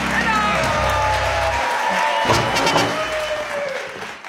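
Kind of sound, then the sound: crowd, audience cheering and applause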